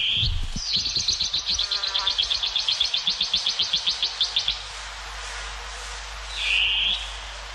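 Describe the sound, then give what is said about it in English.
A long-tailed cuckoo (koekoeā) gives a fast run of harsh, rasping notes, about twenty in a steady rhythm, then a single loud screech after a pause, all clear with no voices. “Koe koea, the long-tailed cuckoo.”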